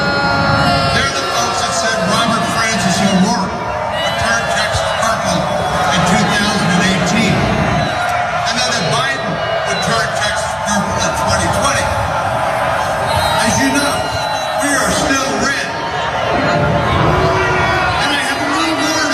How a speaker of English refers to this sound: Still getting mercilessly booed.